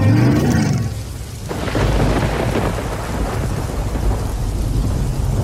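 A thunderstorm with heavy rain pouring steadily, a deep rumble of thunder rolling through the opening second before the dense, hissing downpour carries on loudly with no voices.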